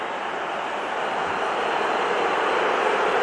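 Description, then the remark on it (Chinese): A stadium crowd at Hill Dickinson Stadium boos loudly and continuously after a Manchester United tactical foul during a match against Everton, a dense, steady roar of many voices that holds at an even level for a few seconds with no clear speech. “希尔迪金森球场内啊是嘘声四起。”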